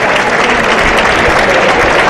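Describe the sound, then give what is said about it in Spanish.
A bullring crowd applauds after the picador places the lance in the third bull of the afternoon, fought by David de Miranda, in a dense, steady wash of clapping that stays loud and even for about two seconds, with no voices standing out above it. “Ha metido ahora la puya, ahora sí, picadito y aplauso.”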